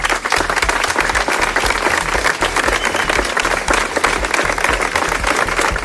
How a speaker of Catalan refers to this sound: Després dels 3 minuts de silenci i de l'ofrena de flors que han fet les víctimes de la Dana, una prolongada ovació que també, de també quasi 3 minuts, ha tancat este acte commemoratiu.